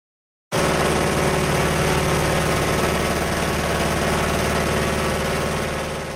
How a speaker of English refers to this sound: There's the sound of a 75-year-old de Havilland Beaver float plane, and it's said to be one of the most iconic bush planes ever built. Pilots often describe this as a loud, spelly pickup truck with wings